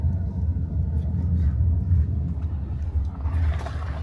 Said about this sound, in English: We are in the car right now.